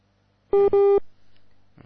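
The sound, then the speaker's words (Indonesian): Two short electronic beeps in quick succession, a steady synthetic tone of a WhatsApp call reconnecting, loud, followed by a faint low hum and a brief rustle. “Menghubungkan ulang.”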